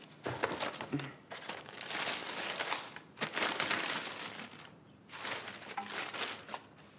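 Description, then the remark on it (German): Gift wrapping paper on a birthday present crinkles and rustles as it is torn open, in three bursts of handling separated by brief pauses, with no voices. “Herzlichen Glückwunsch zum Geburtstag. Hübsches Papier.”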